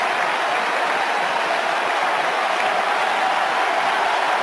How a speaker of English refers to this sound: And the crowd rises again, and so does the noise level.